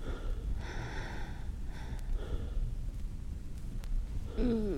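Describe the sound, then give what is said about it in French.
Heavy, breathy panting in uneven bursts, like someone out of breath, over a low rumbling background, ending in a short voiced gasp. “Le premier pas, coucher, essouffler.”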